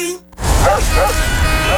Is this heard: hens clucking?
no